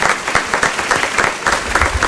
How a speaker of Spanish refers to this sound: Inaugurando, fuerte aplauso para ellos.